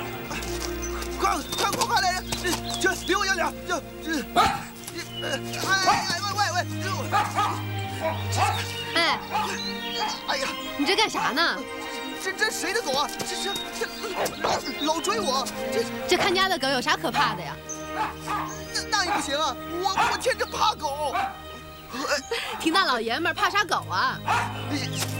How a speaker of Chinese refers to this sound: 这谁的狗啊？这老追我！这看家的狗有啥可怕的呀？